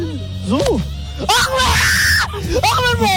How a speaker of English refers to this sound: Actually, that's not the girl screaming. That's the idiot guy screaming, I think. I just realized that. I thought that was the girl. That's the guy screaming.